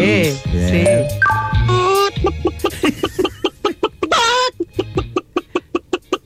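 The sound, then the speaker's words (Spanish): A human voice in Valparaíso imitates a hen clucking: a few drawn-out, warbling calls, then a quick, steady run of short, sharp clucks, fairly loud. “Gallina”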